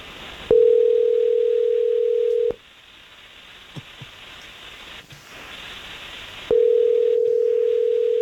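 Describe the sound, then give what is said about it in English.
A telephone line tone sounds twice as the Jesse James Morning Show calls a listener, a loud, steady electronic hum, each lasting about two seconds and separated by a long quiet pause with faint hiss, like a call ringing through. “We'll give her a call here and see what we can do for you, my man.”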